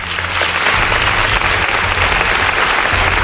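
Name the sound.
audience applause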